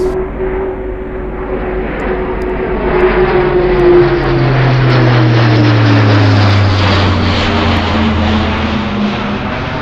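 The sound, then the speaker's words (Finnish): An A400M turboprop cargo plane's engines roar loudly and steadily, with a droning propeller hum whose pitch slowly drops as the aircraft passes by; no voices are heard. “A400M-rahtikoneen etu on kuitenkin sen tilavuus ja joustavuus.”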